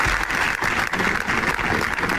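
Sustained, dense applause from a large group on the steps of the Diputación Provincial de Zaragoza, in memory of a firefighter and a worker killed in a mechanic's workshop fire in Calatorao. Many hands clap together in a steady roar with no voices heard above it.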